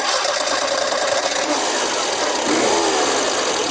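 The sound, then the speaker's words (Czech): A Škoda Favorit car engine runs steadily, a constant mechanical hum with a faint rhythmic rattle, rising slightly in pitch toward the end. “Celou éru Favorita teď zakončíme charakteristickým zvukem motoru.”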